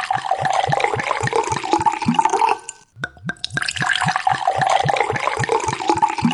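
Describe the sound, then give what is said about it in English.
A bottle of wine is opened and poured: wine glugs steadily from the bottle in quick rhythmic pulses, pauses briefly with a few small knocks, then pours again. Clear, with no voices. “And I know that you're thirsty, so let's pop some wine.”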